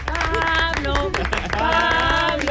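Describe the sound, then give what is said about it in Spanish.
Steady applause from an audience fills the whole moment, with loud cheering and whooping voices layered on top of the clapping, called for in thanks to the staff of Radio Nacional. “Así que gracias a todos. ¡Un aplauso!”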